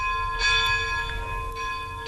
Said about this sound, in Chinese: 最后，他听到东寺早课的晨钟，继而是二高作息的钟声。一个悠扬，一个亲切。